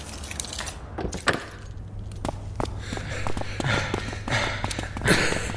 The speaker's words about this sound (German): Nicht so laut. Dein Keuchen kann man durch das ganze Museum hören.